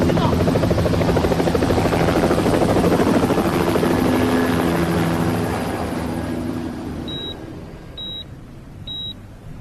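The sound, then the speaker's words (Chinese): A helicopter's rotor thuds loudly overhead, a dense rhythmic chopping roar that gradually fades as it moves away, followed by a few short electronic beeps near the end. “哎，直升飞机来了！啊！直升飞机来了！”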